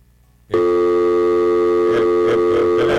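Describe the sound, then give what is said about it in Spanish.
A steady electronic telephone tone starts abruptly after a brief silence and holds loud and continuous, with a few faint clicks or pulses underneath, like a line left open after a call drops. “ahí dice que colgó una llamada perdida.”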